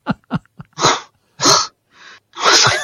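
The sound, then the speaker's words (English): Three short, low puffs followed by three longer, loud, hissing blasts of breath as a horse snorts and blows air out through its nostrils, with brief pauses between and no talking. “it's the repugnant take that we're talking about, not the horse exhalation, all right?”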